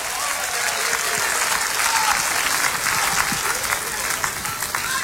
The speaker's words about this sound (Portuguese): Vamos aplaudir Jesus com alegria. Vamos aplaudir Jesus bem bonito. Aplaude e glorifica o nome dele, igreja.